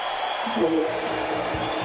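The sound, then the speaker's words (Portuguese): Steady, dense applause at the PT party convention fills the whole clip with an even, noisy roar from a large crowd, with faint voices mixed in underneath and no clear breaks. “A gente ouve aí aplausos lá na convenção do PT, talvez por isso o áudio para ele nos ouvir fica um pouquinho difícil, mas a gente acompanhando tudo aqui ao vivo.”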